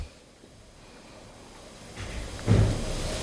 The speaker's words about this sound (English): Hello? Somebody closed the door.